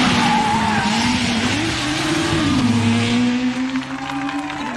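A taxi numbered 10 drives past along a race route lined with people; its engine holds a steady, loud drone with a sustained whining tone that wavers in pitch, like tires squealing. No one speaks.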